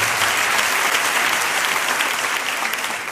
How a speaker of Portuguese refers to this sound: Aí, o nosso aplauso.